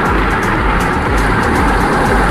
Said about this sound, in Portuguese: É muita chuva aqui na região metropolitana do Vale do Paraíba. Meu Deus do céu, a gente vai colocar o barulho da chuva pra você aqui. Rapaz, o bicho tá pegando aqui na região metropolitana. Aí, ó.